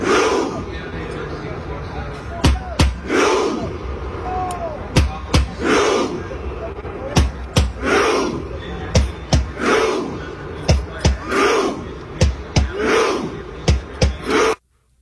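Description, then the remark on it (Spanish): A large crowd of Norwegian fans performs the Viking war chant in Times Square, New York: loud, sharp unison claps, each answered by a deep collective 'huh' shout, repeating steadily and quickening toward the end before stopping abruptly. “Siempre ellos haciendo el grito vikingo, ¿no?”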